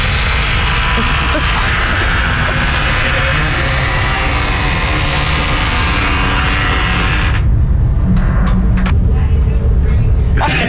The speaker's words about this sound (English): It's gotten really loud now. Yesterday, I was killing myself. You went to the bathroom. I'm like, you're like, what is that sound? I have a recording here for you. This is the door being opened.